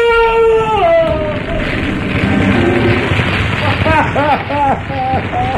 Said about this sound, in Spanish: El fuego del horno crepita con más fuerza por un instante.